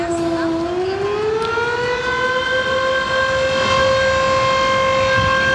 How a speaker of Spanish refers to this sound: En estos momentos suenan las sirenas de las 10 compañías de bomberos de acá de Valdivia, lo que marca el inicio de este simulacro, donde, recordemos, se va a simular un terremoto de magnitud 8.8